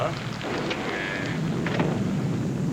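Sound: rain falling outside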